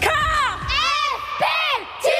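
A group of U14 girls at their club's basketball training shrieking and cheering loudly as a greeting, high-pitched voices rising and falling in overlapping bursts, energetic throughout.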